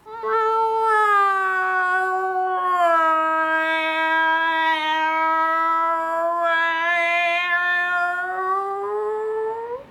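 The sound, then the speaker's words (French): A cat yowls in one long, continuous caterwaul lasting about ten seconds, its drawn-out wavering cry rising and falling almost like singing. Loud, with no talking. “T'appelles ça chanter? Parfaitement, c'est comme ça qu'on chante au pays des chats.”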